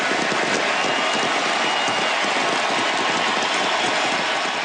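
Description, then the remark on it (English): A huge stadium crowd in Buenos Aires, Argentina, cheers for Lionel Messi at his final appearance for the national team in one dense, unbroken roar, loud and steady for the whole stretch, with no single voice standing out and no lulls. “They would not stop cheering for Lionel Messi last night in the Argentine capital.”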